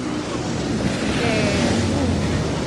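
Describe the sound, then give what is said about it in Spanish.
Rough sea surf at Puerto de la Libertad roars steadily, a dense, loud wash of crashing waves with gusty wind noise buffeting the microphone throughout, no quiet gaps between breakers. “Eso sí, eso, no, sí está bien arrebatado también el mar.”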